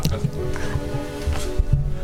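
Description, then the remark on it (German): Several breathy 'pft' bursts blown straight into a microphone without a pop filter, each landing as a deep, boomy thump, in a loose, uneven scatter over a couple of seconds, fairly loud, as a test of how plosives sound with and without a pop filter. “Wir wollen probieren, wie ist es mit Plopp-Schutz und wie ist es ohne Plopp-Schutz?”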